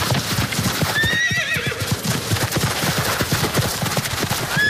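A horse whinnies in a high, wavering call while hooves clip-clop in a steady rhythm throughout; a second short whinny comes near the end. No one speaks.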